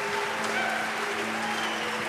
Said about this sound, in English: Man, they start booing you as soon as you walk out here.